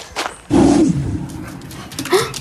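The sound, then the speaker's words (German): A big dog lets out loud whimpering cries, a strained drawn-out whine followed by a shorter rising yelp, sounding oddly puppy-like for its size. “Wie kann so ein großer Hund nur so fiepsen, dass es sich anhört, als wäre er ein Welpe?”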